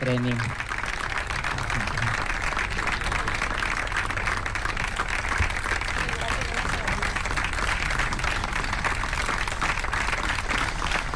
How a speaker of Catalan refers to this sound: La guanyadora and the winner of Badalona Open 2026, la nord-americana Ashley Leahy. I ara sí, fort aplaudiment per Ashley Leahy, guanyadora d'aquesta primera edició.